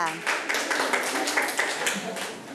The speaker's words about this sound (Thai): นะคะปรบมือให้กับกลุ่มที่4ค่ะ